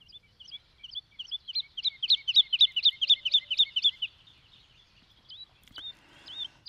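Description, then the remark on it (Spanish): A woodlark (Lullula arborea) sings a soft, fluting phrase: a quick run of about a dozen repeated high, liquid notes that swell and then fade, followed by a few scattered single notes. No one speaks. “La estáis escuchando, su canto es suave y melodioso, con frases cortas que se repiten y un timbre algo aflautado.”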